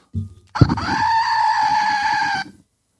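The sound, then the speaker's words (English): A goat sound toy, one of the instruments used for sound effects on a show, lets out one long, nasal, wavering bleat lasting about two seconds, high and buzzy with a throbbing tremble, after a brief low rattle at the start. “And I have a goat.”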